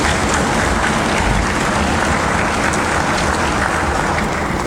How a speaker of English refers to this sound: The Minister of Education, the Honorable Daryl Matthew, has delivered for the youth of Antigua and Barbuda and deserves our continuing applause.